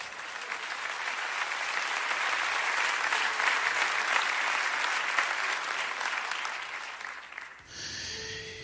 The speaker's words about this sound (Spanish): Dale fuerte el aplauso.